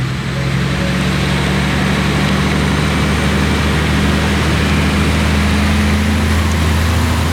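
A loud, steady low rumble of huge truck engines droning continuously, with a constant throbbing hum and broad mechanical noise and no voices; the trucks haul tons of material from the tunnels of the second railway track at the northwestern edge of the Podgorje Karst.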